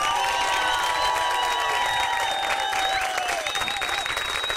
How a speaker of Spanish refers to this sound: Un aplauso rabioso para el señor Piti Fernández.